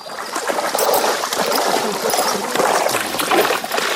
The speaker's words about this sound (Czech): Tady máme třeba Frenka a ten miluje vodu, takže ten nám tady i chvilku postojí a nechá se osprchovat.